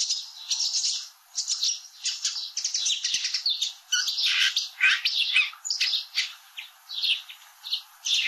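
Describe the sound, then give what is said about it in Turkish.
A sedge warbler pours out a rapid, unbroken stream of high chirps and twittering phrases, switching between distinct call types that imitate about four other bird species, with a sparrow chirping behind in the first. Bright, and no voices. “Yaklaşık 4 değişik kuşu taklit ediyor. Birincisinde arkada serçe sesi de var.”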